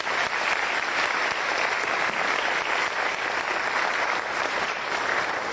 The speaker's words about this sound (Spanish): sino a todos los que trabajaron en construir un relato digno para que tanto paraguayos nacionales como extranjeros pudiesen identificarse con nuestros billetes. Así que un aplauso para todos ellos.